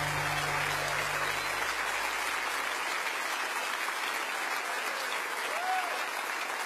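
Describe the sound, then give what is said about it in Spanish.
A crowd applauds steadily throughout, dense clapping at a constant loudness with no pauses, while a low hum fades out in the first few seconds. “de aplauso a él.”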